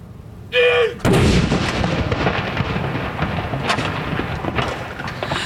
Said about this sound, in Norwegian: det kommandanten som leder denne avfyringen. Hun står rett bak de som, som avfyrer disse salutene. Andre kanon!